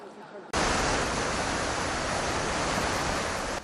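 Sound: strong gusts of wind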